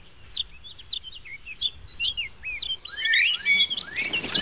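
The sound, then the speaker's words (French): Tiny, pink, naked blackbird nestlings calling for food: a rapid series of about five high, thin chirps, followed by a denser overlapping burst of shrill, rising calls as the begging intensifies. “Ils réclament. Ils n'arrêtent pas d'appeler.”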